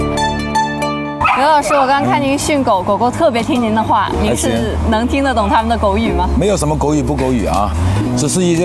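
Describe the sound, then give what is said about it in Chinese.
Several dogs bark and yip in rapid, overlapping bursts during dog training, with whining pitches sliding up and down, voices mixed in and a steady low hum underneath after a brief tonal opening. “我刚刚看您训狗，狗狗特别听您的话，您是能听得懂他们的狗语吗？”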